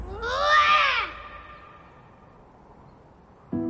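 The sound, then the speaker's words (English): A child lets out one especially loud, strained roar lasting about a second, rising and then falling in pitch, as if roaring at or greeting someone, followed by quiet room tone before another noise begins at the very end. “the last roar … made was different. It was especially loud, like he was roaring at someone.”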